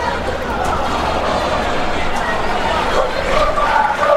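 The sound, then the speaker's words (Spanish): A huge crowd of Boca fans chants and roars in unison at night in Asunción, a loud, steady wall of massed voices with sung tones swelling a little toward the end, and no single voice standing out. “Así grita Boca en la noche de Asunción.”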